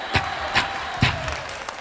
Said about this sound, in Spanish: Esos que están aplaudiendo así son pentecostales, de verdad.